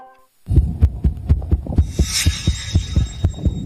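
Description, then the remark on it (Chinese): A fast, irregular heartbeat as heard through a stethoscope: muffled low thumps in uneven rapid succession, with a soft rushing hiss swelling briefly in the middle; no talking. “心跳声也跳得太快了，而且有点杂乱无序。”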